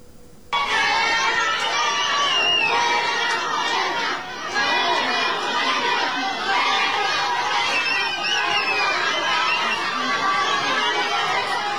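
A large crowd at an airport shouts and jeers continuously at an arriving Morena politician, a dense wall of overlapping voices with rising yells, loud and sustained for the whole stretch with a brief dip midway.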